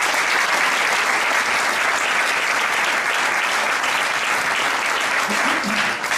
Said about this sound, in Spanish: Un aplauso también.